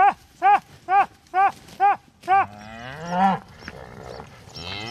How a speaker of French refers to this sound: Et un autre troupeau de vaches, cette fois, vient d'arriver. Ces vaches qui cohabitent avec les bisons.